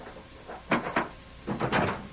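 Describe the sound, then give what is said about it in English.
A wooden cabin door opens and shuts, giving two pairs of solid, hollow thuds and creaks separated by a brief pause. No one speaks. “Close the door.”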